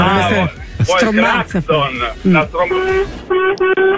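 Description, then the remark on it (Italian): A small toy horn gives a couple of steady, nasal toots near the end, preceded by a run of loud, wavering, pitchy sounds that could be voices or squeezed honks. “È una trombetta questa.”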